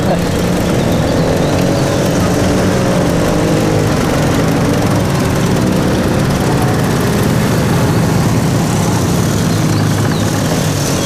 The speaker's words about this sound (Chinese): 这摩托车队很威风啊，看着阵仗是一点没把兄弟你放在眼里啊。 人家是司令部特务队的，是高人一等的衙内，他们能把谁放在眼里？